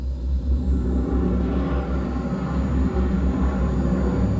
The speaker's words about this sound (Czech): Zážeh brzdících systémů. Provedu, pane kapitáne. Navádíme loď na přistání.